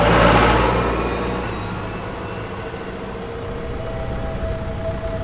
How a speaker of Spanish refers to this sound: Mientras otros dormían, él sembraba, regaba o araba bajo la luz de la luna y el ruido constante de su viejo tractor rojo.